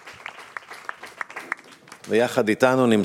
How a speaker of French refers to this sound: Vraiment, vous pouvez applaudir, vraiment merci beaucoup.